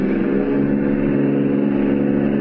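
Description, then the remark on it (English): A car engine hums steadily as the car drives on past, a sustained mid-pitched drone with a constant level throughout and no voices. “Go on by and don't look as though you've noticed them.”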